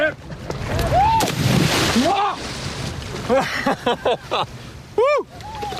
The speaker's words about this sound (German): Also ich nehme jetzt das Board mal. Und ich jetzt mit ein bisschen Schmackes, ein bisschen mit Schwung jetzt gleich rein ins Wasser. Ja, und das Board gerade halten. Ach so. Okay, 3, 2, 1.